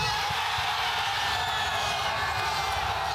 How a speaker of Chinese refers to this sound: 即便巴拉圭队在下半场中段攻入一球，现场气氛依然高涨。随后吉奥雷纳创纪录的第四个美国队进球，让全场观众陷入狂喜之中。